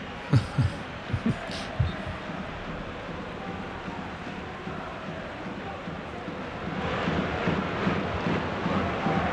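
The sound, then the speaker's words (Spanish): A stadium crowd at a football match chants "árbitro a la nevera" at the referee, a dense rumbling roar of many voices that swells louder in the second half, with a few sharp thumps near the start. “Estoy dejando el ambiente para ver si escuchamos lo que gritan. A la nevera. Gritan árbitro a la nevera, a la nevera.”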